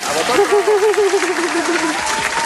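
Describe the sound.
Steady applause from a crowd fills the whole stretch, dense clapping with a voice speaking over it in a wavering tone.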